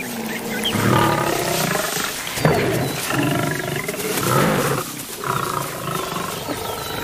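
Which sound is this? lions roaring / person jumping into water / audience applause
lions roaring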